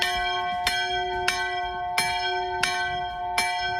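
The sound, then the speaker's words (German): The bell of the Flussschifferkirche, Germany's only floating church, in the Port of Hamburg, rings with steady, evenly spaced strikes, about five in under four seconds, each leaving a bright, sustained metallic hum that overlaps the next. No voices are heard. “Nee, das ist die Glocke der Flussschifferkirche.”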